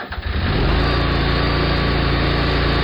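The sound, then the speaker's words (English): A Bad Boy tractor engine sputters to life with a few quick chugs, then settles into a steady, loud rumbling idle that continues without a break. “Others climb on a bad boy tractor and handle it.”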